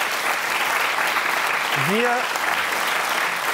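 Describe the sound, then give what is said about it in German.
An audience applauds the panel at the close of the talk show Nachtcafé in a steady, dense wash of clapping for several seconds, with a short rising vocal call briefly cutting through midway. “Nochmal einen kleinen Applaus hier, genau.”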